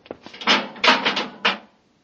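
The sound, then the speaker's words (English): An airlock door closes: a few quick clicks, then three loud, rough mechanical surges of sliding and clanking over about a second and a half, ending in silence. No one speaks. “The airlock's open. Get in quickly. Close it behind you.”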